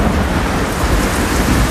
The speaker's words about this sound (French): Là, j'avais mis l'orage avec la pluie.